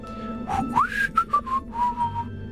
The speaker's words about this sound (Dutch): Oh, fluitje, je geeft al een hint.